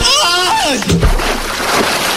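A falling vocal yell drops in pitch, followed by a loud splash as a man plunges into a reservoir of icy water, then a steady wash of churning, sloshing water.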